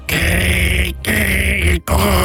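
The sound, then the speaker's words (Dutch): Someone vocally imitates a dial-up modem connecting to the internet, as heard in a TV series scene: three loud, harsh, hissing screeches with a buzzing hum underneath, each broken by a short pause. “Zo'n modem. Classic.”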